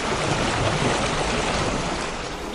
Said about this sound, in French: Trouve-nous plutôt un doux clapotis des flots.